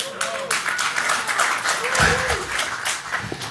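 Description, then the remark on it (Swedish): A crowd applauds steadily throughout, a dense crackle of many hands clapping at once, with a few voices calling out faintly amid the clapping. “Vi får kolla liksom hur mossiga namn vi kommer kunna få applåder på.”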